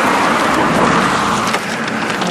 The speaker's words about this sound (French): Sur le bord de la route, tant bien que mal, on déplie notre carte IGN. Il y a du passage. Les voitures nous frôlent et filent à toute vitesse. Les vivants sont bruyants et recouvrent le bruit des mortes.